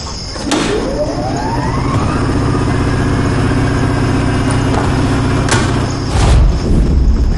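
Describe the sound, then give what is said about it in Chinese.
An engine-driven generator starts up at night and settles into a steady, loud droning hum with a low rumbling throb and a faint rising whine, with a few sharp clanks over it. It brings power to a lodging in a tribal village. “还特意弄了一台发电机。”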